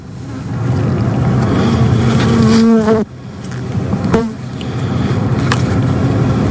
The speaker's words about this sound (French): Et donc c'est l'épisode numéro 3 sur les abeilles, où on entend le scientifique … qui parle justement de ce qu'est une abeille et aussi du son qu'elles peuvent produire.